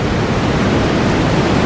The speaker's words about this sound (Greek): Αυτό είναι τώρα θάλασσα, αυτό είναι θάλασσα, μίξη με απορροφητήρα είναι, μίξη με το ASMR, δεν με ηρεμεί πολύ, το έχω καταλάβει